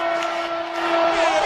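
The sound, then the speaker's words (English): Thousands of people cheer outdoors in downtown Denver, Colorado, celebrating a World Cup win, a dense, continuous roar of many voices with scattered whoops and shouts, steady and loud throughout, with a sustained held tone running underneath. “Thousands and thousands of people cheering, going nuts.”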